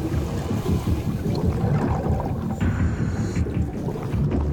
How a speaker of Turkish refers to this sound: Deniz skuterinin yardımıyla 10 metreye kadar iniyoruz.